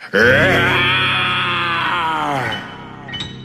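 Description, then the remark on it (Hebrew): A person voicing the lion in a story being read aloud gives a lion's roar: one long, loud, sustained growling cry lasting over two seconds with a slightly sagging pitch, then it cuts off, followed by a brief breathy sound. “האריה הסתכל על הילדים, הוא הסתכל על מספרת הסיפורים, הוא הסתכל על הספרים הסגורים, ואז הוא שאג בקול רם מאוד.”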